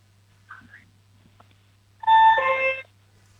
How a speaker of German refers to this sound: Und jetzt will ich gerne noch die Türklingel hören.